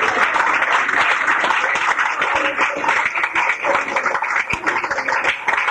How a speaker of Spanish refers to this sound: ¡Otro aplauso a nuestro Rey, hermano!